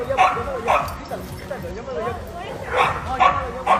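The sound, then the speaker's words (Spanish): Dogs fighting in Jalisco, Mexico, as a woman sets her husky on another dog: sharp barks come in two pairs, at the start and again near the end, with whining yelps and growls between them and faint voices underneath. “es una desalmada que le echó su perro Husky a este otro sabueso inocente.”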